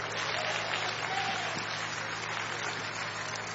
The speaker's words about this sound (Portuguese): Vão receber o servo do Senhor com as palmas bem alegre para Jesus.